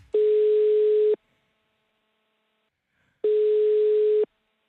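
Two steady one-second beeps of an outgoing call's ringing tone as a Radio Robin host calls a listener, separated by a roughly two-second silence, clear and moderately loud with no voices.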